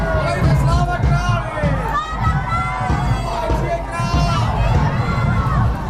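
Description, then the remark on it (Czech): A large crowd fills a street in Znojmo, Czech Republic, during a historical procession moving from Pražská Street toward Masarykovo Square while commemorative coins are thrown into the crowd; many overlapping voices, shouts and children's calls blend into a dense, steady, loud hubbub with no single voice standing out. “Slavnostní historický průvod vyrazil z Pražské ulice a pomalu míří městem na hlavní Masarykovo náměstí.”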